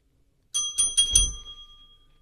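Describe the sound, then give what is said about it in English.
A small bell with a happy face on it rings four quick times in a row, bright and clear, then its tone lingers and fades out. No one speaks. “Why is there a bell with a happy face in here?”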